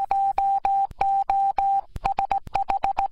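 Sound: morse code beeps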